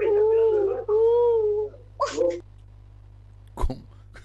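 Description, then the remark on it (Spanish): A person imitates a pigeon with two drawn-out, wavering cooing notes, then a brief breathy vocal burst and a faint click before quiet. “y la paloma hace...”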